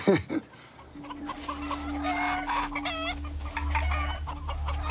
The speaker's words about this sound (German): Neun Hennen und 3 Hähne. Das kann nicht gut gehen.